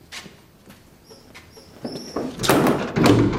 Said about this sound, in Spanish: Cierran la puerta, que tiene un pequeño ventanuco enrejado.